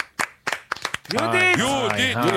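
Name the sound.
studio applause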